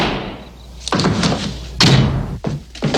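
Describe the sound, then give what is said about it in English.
An engineer repeatedly slams the door of a Nissan Rogue SUV shut, part of 13,920 door slams; each is a heavy thud with a short metallic ring, spaced about a second apart, with no talking. “You won't see the engineer that slams the Nissan Rogue's door 13,920 times”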